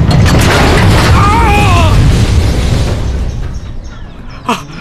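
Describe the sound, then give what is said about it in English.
A grain elevator used to unload corn topples and crashes in a loud, sustained rumbling roar, with squealing metal groans partway through, gradually fading before one last sharp clank. “Now the stupid elevator's tipping over.”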